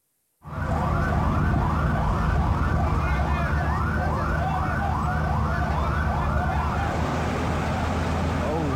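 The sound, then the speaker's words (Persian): An emergency siren wails in a steady, rapid up-and-down cycle, loud and continuous over a dense rumble of traffic and engine noise, in footage of a suicide attack on a passenger train on the Quetta–Chaman route in Pakistan. “چاودانا اوس په د تپسي هټکوارټر حتمن میږي چې په دې کې اوسم د ایمرجنسي سایرن ژبون اورېدل کېږي.”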